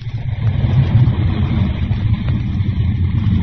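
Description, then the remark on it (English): A loud, steady jet engine roar as a gorilla jet craft piloted by Batman takes off into the jungle sky in Africa, heavy in the low end with a broad rumbling hiss on top, holding at a constant level for a few seconds with no voices. “Moments later, a gorilla jet craft soars into the jungle sky as Batman pilots the Tate family home, leaving the invisible gorilla city behind them once again, hidden forever in the wilds of darkest Africa.”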